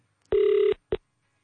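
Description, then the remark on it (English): A telephone ringback tone sounds over the line on an outgoing call to Miranda's mom, Edith, in Johannesburg: one steady, buzzy ring lasting under half a second, then the start of a second ring cut short, with no voices. “We are dialing Miranda's mom.”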